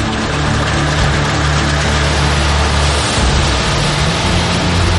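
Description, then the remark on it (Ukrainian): An amphibious vehicle's engine drones loudly and steadily as it drives out of the water onto the shore, turning from boat to car, its low hum blended with a dense rushing, splashing wash throughout. “Ось отак от ми з човна перетворюємося на вже автомобіль.”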